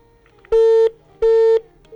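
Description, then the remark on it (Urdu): Repeating electronic telephone-line beeps on a call-in programme's line from a caller in Lahore, three steady mid-pitched tones of about a third of a second each, separated by short silences in an even rhythm, loud with no talking. “Tone tone سنائیں گے آپ.”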